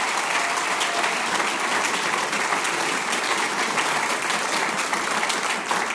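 Sustained applause from an audience, a dense steady wash of many hands clapping at once, loud and continuous with no voices standing out, welcoming the steirische Harmonika (Styrian accordion) player of a music ensemble.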